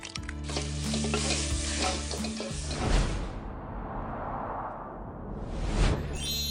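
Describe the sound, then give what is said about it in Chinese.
Loud sizzling and scraping as egg fried rice is tossed and stirred in a hot wok, with rhythmic clanks and hissing bursts, no talking throughout. “那我还能吃到你做的蛋炒饭吗？ 好吧，我最后再做一次。”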